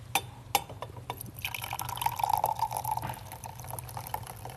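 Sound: tea being poured out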